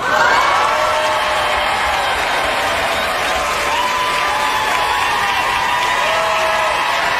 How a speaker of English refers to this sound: The applause goes on and on. Rightly so.